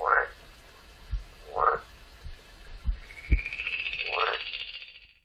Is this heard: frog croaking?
yes